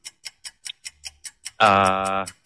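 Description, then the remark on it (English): A quiz countdown clock ticks in a steady, even rhythm, about eight sharp ticks, then ends with a loud sustained buzzer tone. No one speaks over it. “Until that clock is ticking.”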